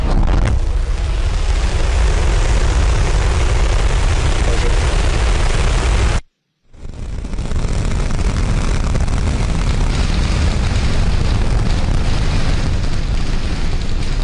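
SpaceX's Starship rocket roars at launch from Texas, a loud, dense, rumbling blast that fills the whole clip, broken by a brief moment of silence midway before the thunderous roar resumes.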